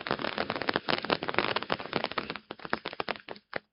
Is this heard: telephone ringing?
no